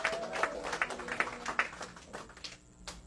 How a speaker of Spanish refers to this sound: Dale fuerte aplauso a ese Dios.